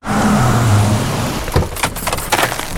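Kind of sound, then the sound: vehicle, car engine revving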